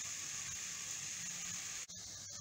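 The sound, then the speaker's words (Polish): A steady, quiet frying sizzle from a cocoa pancake in a frying pan, a continuous crackly hiss that briefly cuts out near the end before resuming, with no voices. “Fajnie na patelni się smaży, la la la la la la, naleśnik się smaży.”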